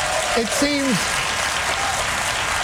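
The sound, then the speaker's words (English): A studio audience of a Jon Stewart show on AI applauds the suggestion of no killer robots, in a steady, dense wash of clapping that holds at an even level throughout, with a brief voice rising and falling over it near the start. “The crowd likes it.”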